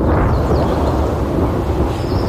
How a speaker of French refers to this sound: Un orage, la pluie. Eh oui! C'est facile comme ça. T'as bien deviné. Donc, c'était bel et bien des orages qui vont peut-être tomber comme aujourd'hui au courant de la journée.